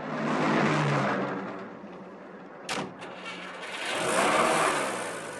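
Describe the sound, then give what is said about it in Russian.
A taxi's engine hums as it rolls up and stops on an embankment, with a brief sharp click or thud midway, then the engine swells again as it idles. “Такси останавливается на набережной.”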